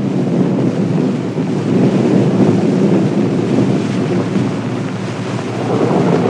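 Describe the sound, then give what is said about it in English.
A stormy, roaring wind blows loud and steady throughout as a spring thunderstorm comes up, a dense rushing noise with a deep rumbling undertone and no voices. “Sure enough, the wind begins to blow. A spring storm is coming. Thunder showers often come up quite suddenly in the spring.”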